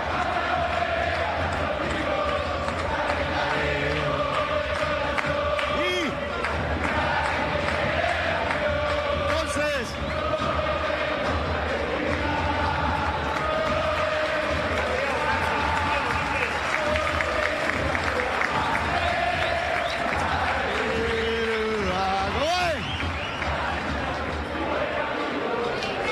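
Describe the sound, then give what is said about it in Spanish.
A huge stadium crowd at a Racing Club football match against Atlético Tucumán chants and cheers without pause during a night light show, thousands of voices singing in loose unison over a dense, roaring wash of noise, with occasional shouts rising above the steady din. “El grito que ahora sí se enciende, ilumina la noche.”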